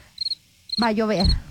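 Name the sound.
crickets chirping outdoors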